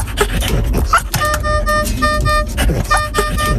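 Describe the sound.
An infusion pump alarm, from the machines used to administer fluids, beeps in steady electronic tones, sounding in two bursts with a short gap between them, while voices murmur underneath.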